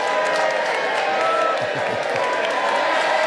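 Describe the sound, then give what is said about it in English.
A steady wash of crowd applause with scattered cheers for an Indian Air Force operations commander's laksa at Mindal Beach, dense and continuous for a few seconds at an even, fairly loud level, with faint murmuring voices mixed into the clapping. “there with his laksa, which, you know, deserves a bit of an applause, doesn't it?”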